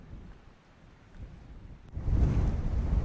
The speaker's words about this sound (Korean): 오늘따라 새벽바람이 심상치 않은데요. 파도마저 성난 듯 몰아칩니다.